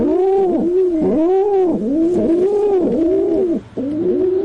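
Rock pigeon cooing, a steady run of soft, rolling, throaty coos repeating in a rhythmic rise-and-fall pattern, with one brief pause near the end.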